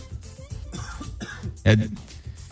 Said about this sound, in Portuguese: Perdão, tive uma leve tosse.